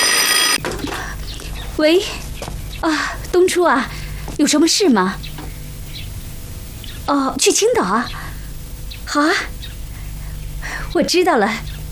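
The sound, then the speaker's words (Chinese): An old-style telephone bell rings in repeated bursts while several people exclaim and talk anxiously over it, and a woman asks to be helped to answer the phone. “去扶我接电话。”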